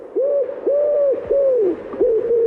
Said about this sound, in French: Ah, c'est le pigeon ramier. C'est le pigeon ramier, d'accord. Ah oui, grou, grou.